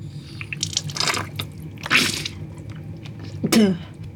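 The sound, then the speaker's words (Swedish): Wet dripping and squishy liquid splashes from a saline nasal rinse over a sink, salt water flushing through the nose, arriving in three or four irregular bursts over a low steady hum, with no talking. “Idén är ju enkel. Saltvatten in och pollen och annat slagg ut.”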